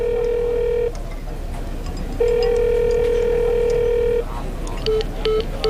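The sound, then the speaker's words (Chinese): A telephone call tone sounds as a steady electronic hum in two long stretches, loud, followed by a few short beeps before it falls quiet, on a call to a phone that is switched off. No one speaks. “您好，您所拨打的电话已关机。”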